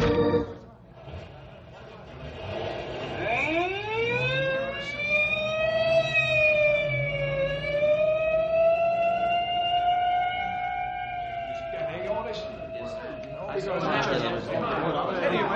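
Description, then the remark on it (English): An ambulance siren winds up and holds a long, loud, steady wail for several seconds before fading, with indistinct voices and noisy bustle around it at the start and end. “may I go along with you in the ambulance?”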